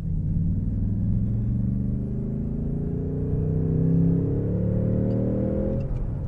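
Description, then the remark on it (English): A V8 car engine accelerates steadily in third gear from 30 to 60, its deep rumbling exhaust note rising in pitch for several seconds before easing off, loud with no talking. “So that was third gear, accelerating from 30 to 60 in third gear.”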